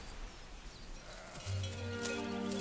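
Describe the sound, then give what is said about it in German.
After a moment of soft outdoor ambience, a single drawn-out bleat from a sheep or goat grazing on a protected Buckelwiese, a hummocky meadow, sounds, loud and wavering, holding its buzzing tone to the end. “Und damit der Wald nicht Fuß fassen kann, lässt man Schafe und Ziegen auf ihnen weiden.”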